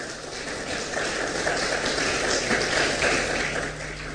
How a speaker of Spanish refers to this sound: Denle un fuerte aplauso, por favor, al Señor.